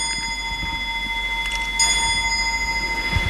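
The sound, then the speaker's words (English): An approximately 200-year-old clock at the Woods Hole Public Library chimes at 4:57, set a few minutes early to signal closing time. Its bell tones ring and sustain steadily, with a fresh, brighter strike partway through. It is moderately loud, and no one speaks. “Yes, the clock is about 200 years old.”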